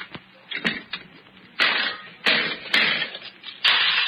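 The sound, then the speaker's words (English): A nickel slot machine clanks and pays out a 20-nickel win, with sharp mechanical clicks followed by several loud bursts of jangling coins spilling out in uneven surges. “Oh, that was a 20-nickel win, friend.”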